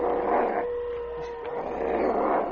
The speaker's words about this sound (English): What's that? Wolves. The ghost pack. The werewolves. They're somewhere up above us. That's right. They have their dens up in those caves. Look, there. Look, they're coming out. They're starting down the sides of the canyon.